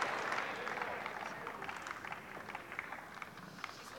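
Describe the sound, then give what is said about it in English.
A tennis crowd applauds a Naomi Osaka forehand winner against Mukova. The applause is a dense, steady wash of many hands clapping that holds for several seconds and eases slightly toward the end, with scattered sharper claps standing out. “The crowd appreciating it.”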